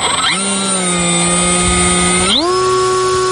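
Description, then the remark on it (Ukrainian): A reconnaissance drone's electric motors whine at a steady, buzzing pitch, then rev sharply higher as the crew commander of the 151st Separate Reconnaissance Battalion launches it. The harmonic drone is loud and continuous, with no voices. “Він запускає розвідувальний безпілотник.”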